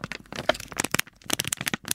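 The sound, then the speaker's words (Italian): Paper being crinkled and crumpled, a dense run of sharp, irregular crackles and rustles lasting a couple of seconds, fairly loud, with no one talking; played as the mystery material sound in a radio guessing game. “Mi sembra un rumore di carta.”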